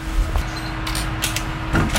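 A door being opened, with a short knock-like clunk followed by a few scraping, rattling bursts over a steady low hum; no one speaks.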